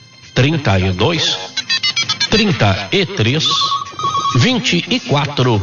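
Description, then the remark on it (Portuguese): A telephone ring tone sounds briefly in the middle, a steady electronic tone lasting about a second, partly under continuous talking that runs throughout. “Esse aqui é o telefone. Pode ligar lá agora? Liga nesse instante.”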